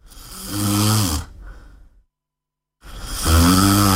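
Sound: snoring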